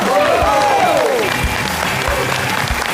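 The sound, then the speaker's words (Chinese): Steady, dense audience applause fills the whole stretch at an even, loud level, with a few faint voice-like tones drifting through the clapping, as the audience welcomes the famous crosstalk performer Liu Wei. “那接下来掌声有请著名的相声演员刘伟老师。”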